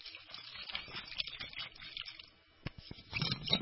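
Water splashes and trickles steadily into a glass, a bubbling, gushing pour with a brief lull near the end before it surges again.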